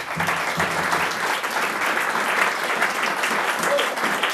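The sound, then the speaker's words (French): Sustained audience applause at the Baïchou, for the presenter of a show on John Coltrane: a dense wash of clapping that holds at a steady, fairly loud level for several seconds without pause or speech. “On peut l'applaudir.”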